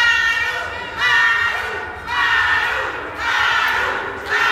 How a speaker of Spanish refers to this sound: lo que expresaron con gritos al momento en que los líderes morenistas ingresaban a la terminal aérea. Escuchemos un poco de lo que se vivió a la llegada de Ariadna y Andy López Beltrán al aeropuerto.